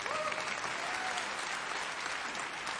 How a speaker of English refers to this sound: Don't ever think that God can't use you. Amen? You should clap. Come on. Let's clap for that.